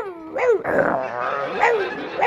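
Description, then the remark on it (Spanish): A voice imitates a rabid dog barking furiously from inside a wardrobe, a few harsh, growling yelps in quick succession, loud, with no other sounds around it. “no cojas nada del armario, que hay el perro que se ha puesto rabioso, está el perro ahí dentro del armario. Y se oye dentro del armario.”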